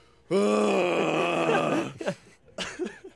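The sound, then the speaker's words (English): A person mimics a yelling snore as a loud, strained vocal groan held for over a second, followed by a couple of short breathy grunts and snorts, unaccompanied by speech. “Are you one of those that just like yells as a snore?”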